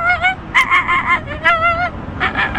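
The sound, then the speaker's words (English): A young boy imitates a bird, producing a rapid series of shrill, warbling, whistle-like calls, loud with brief gaps between bursts and a low rumble of background noise underneath. “He does bird calls.”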